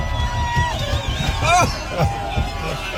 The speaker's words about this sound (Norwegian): Og her det da altså bilen som gynger av folk som blir så gira av å se dere.